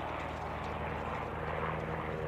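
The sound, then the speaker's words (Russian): A light propeller airplane drones steadily as it flies in an arc over a steppe slope, its engine a continuous buzzing hum with a throbbing low-pitched pulse, fairly loud throughout. “Описав дугу, над склоном пролетает легкий самолет.”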